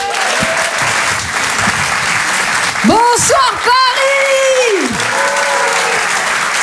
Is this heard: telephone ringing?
no